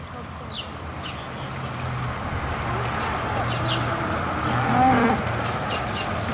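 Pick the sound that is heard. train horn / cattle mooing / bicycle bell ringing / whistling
cattle mooing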